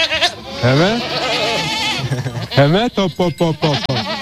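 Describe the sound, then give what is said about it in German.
A goat bleats loudly: first a long, quavering call, then a rapid string of shorter, shaky bleats. “Und wir wollten eigentlich mal Gemüsebauern werden und durch einen glücklichen Zufall wurden wir Ziegenbauern.”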